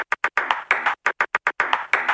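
A table tennis ball taps out a Morse-like pattern: quick single bounces mixed with longer rattling runs, crisp and close, repeating in a deliberate short-long rhythm with no voices.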